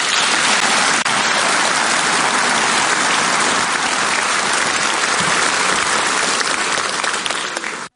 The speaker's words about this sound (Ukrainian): Присутні в залі двічі зустріли ці слова оплесками.